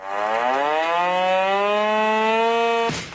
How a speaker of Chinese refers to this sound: 天刚蒙蒙亮，一阵急促的警报声骤然划破营区的沉寂。陆军第83集团军某旅一场全要素战备拉动临机展开。